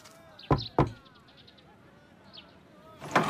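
Two sharp knocks on a wooden door, a son knocking at the gate of the Fang residence, in quick succession, followed by a quiet pause with faint chirping in the background and then a rougher burst of noise near the end.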